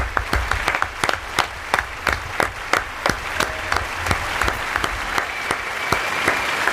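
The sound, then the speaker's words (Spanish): An audience applauds the lead couple after a radio drama performance of The Island of Doctor Moreau, with a few sharp, evenly spaced claps standing out above a dense wash of clapping. The applause continues at a fairly constant level, and no one speaks. “Un aplauso para nuestra pareja protagonista de esta mañana de la isla del Doctor Moreau,”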